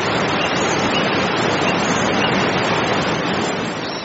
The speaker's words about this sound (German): Erst als der letzte Priester seinen Fuß ans feste Land setzte, stürzte die Wassermauer donnernd zusammen und begrub den Pfad unter sich.